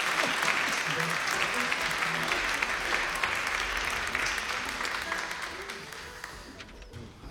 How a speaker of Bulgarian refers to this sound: Вашите аплодисменти са за Ани.